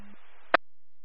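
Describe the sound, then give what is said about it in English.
Radio dispatch alert tones for a department: a short low tone over steady radio hiss, then a loud, sharp burst and sudden silence before another signal begins. No one speaks. “Gone three tones for your department.”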